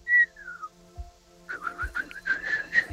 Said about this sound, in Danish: Der må fløjtes.